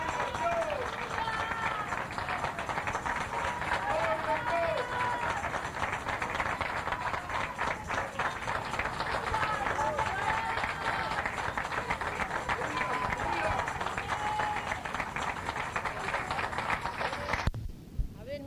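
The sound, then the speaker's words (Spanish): A large crowd applauds loudly and continuously, dense clapping filling nearly the whole stretch with cheering voices mixed in, before cutting off abruptly near the end. “Fuerte aplauso.”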